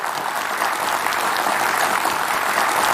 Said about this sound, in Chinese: 我想我们这一刻真的应该再次把掌声送给我们中国的电影工作者，他们的努力，他们的用心。